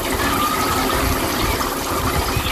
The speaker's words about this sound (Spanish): Ducha de pies en Águilas, Murcia, que era la resolución al Suena la Vida